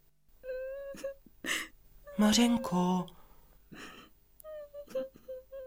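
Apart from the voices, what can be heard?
girl crying and whimpering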